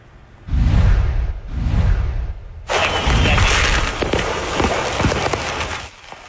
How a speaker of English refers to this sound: A trailer loaded with fireworks exploded on an interstate in southeastern Tennessee. This video was shot by the Chattanooga Fire Department. It shows a bizarre scene along Interstate 75 Saturday in Hamilton County.